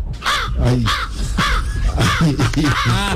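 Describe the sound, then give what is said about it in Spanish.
A human voice imitates a crow, giving several harsh, nasal caws in quick succession, loud, with no other sounds around them. “A ver, por ejemplo, ¿cómo hace el cuervo? Así.”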